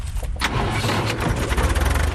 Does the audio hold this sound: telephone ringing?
no